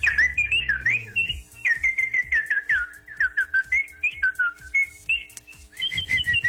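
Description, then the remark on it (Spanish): A person whistles a lively, warbling tune, with quick trills and short slides between notes, running continuously for several seconds without any talking. “Yo no sé chiflar, maestra. Enséñeme clases de chifladología.”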